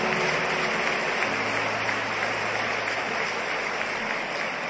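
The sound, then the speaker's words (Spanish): A church audience applauds God during a sermon. It is a dense, steady wash of many hands clapping that holds at an even loudness for the whole stretch, with a faint low sustained tone beneath it. “Y dele aplausos a él.”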